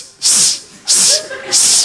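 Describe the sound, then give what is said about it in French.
A person imitates a snake with their voice, giving three loud, breathy hisses in a steady rhythm, each lasting under half a second with brief pauses between, imitating the snake-like noise a woman made while giving birth. “Et elle a fait le bruit du serpent.”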